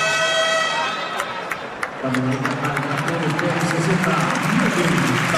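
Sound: basketball arena crowd applauding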